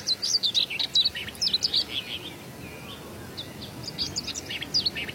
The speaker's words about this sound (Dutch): Twee grasmussen die een beetje tegen elkaar aan het zingen zijn. Om het territorium af te bakenen.